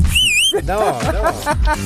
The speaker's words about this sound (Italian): No, quel fischio lì a me entra nelle orecchie come un punteruolo. Come se mi infilassi un cacciavite nell'orecchio.